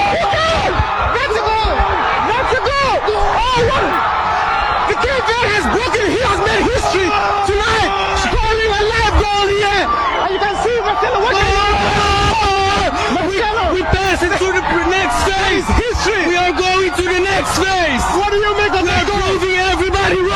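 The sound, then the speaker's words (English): A loud, dense crowd in Cape Verde roars and cheers continuously during a BBC live interview, with overlapping shouts, whoops and yelling voices forming a sustained wall of celebratory noise after Cape Verde scored their first ever World Cup goal. “And listen to the crowd.”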